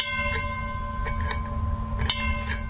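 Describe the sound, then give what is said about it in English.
A trolley bell clangs several times at uneven intervals over a steady low rumble and electrical hum of the moving car, with no one speaking. “If there's enough time when we come back, we take the young children and put them up in the front, let them blow the whistle, ring the bell.”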